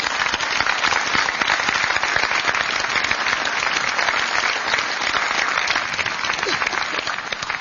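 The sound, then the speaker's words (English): Sustained applause from a large audience for veterans at a ceremony overlooking Omaha Beach, a dense, steady wash of many hands clapping at even loudness for several seconds, with no voices standing out. “Another round of applause for our veterans.”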